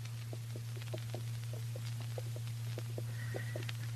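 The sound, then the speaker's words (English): Hooves of several horses clop slowly and unevenly on hard ground as the horses are walked into a yard by a corral at an unhurried pace, over a steady low hum and background hiss. “They're walking the horses into the yard. Slow and quiet.”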